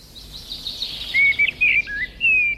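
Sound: eurasian blackbird song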